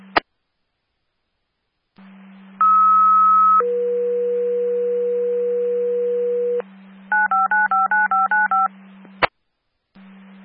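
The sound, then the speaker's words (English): Additional radio dispatch paging tones sent to call out a response: a short high steady tone, then a longer lower tone, followed by a quick run of pulsing beeps, all over a low radio hum with clicks at either end. “Additional tones to respond 325 South 9th, across the Walnut and Oak.”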